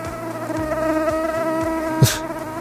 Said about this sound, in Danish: Det er myggen. Det er myggen. Men jeg vil sige, nu er det meget irriterende at høre på den her, ikke?